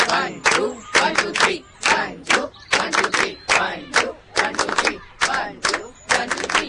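A group claps hands together in a steady repeating pattern of two quick claps followed by three, sharp and close, looping several times with no talking.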